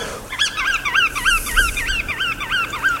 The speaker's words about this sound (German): dadurch den Strandläufern und den sogenannten Wattvögeln Rastplatz. Und das brauchen sie, denn sie haben weite Wege, diese Vögelchen. Die kommen nämlich bei uns zumindest zumeist aus Skandinavien oder sogar noch weiter darüber hinaus aus Sibirien.